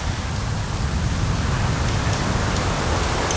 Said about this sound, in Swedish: Så hör man ju det här lite försiktiga ljudet av havet som spelar in emot stenarna.